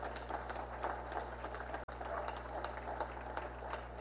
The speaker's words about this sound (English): And we'd also like to take a special time to say thank you to CareSpace Health and Wellness. So a round of applause to everyone for those.